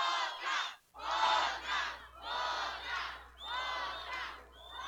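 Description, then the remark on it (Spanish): A large crowd shouts in unison for one last song as an encore, loud rhythmic chanting bursts repeating about five times with brief gaps between them. “Si ustedes todos en conjunto empiezan a gritar otra, de pronto nos animamos.”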